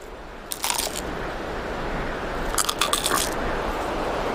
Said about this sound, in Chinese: 细小的牙齿没法咀嚼，变色龙只能用强有力的颌骨死死咬住蝗虫，然后再整个吞下。这是纳米比亚变色龙今天抓到的第一只昆虫